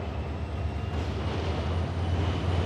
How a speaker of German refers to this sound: Aber nichts ist schöner und bequemer als das Zugreisen. Schon allein das Zuggeräusch, dazu die schöne Landschaft.